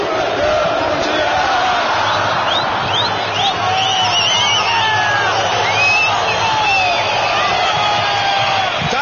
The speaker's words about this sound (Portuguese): 10 minutos nos separam do início da partida aqui na Arena Tricolor, no Parque Humaitá. Boa presença do torcedor que canta nesse momento. Ouçamos, abra os microfones aí, gurizada.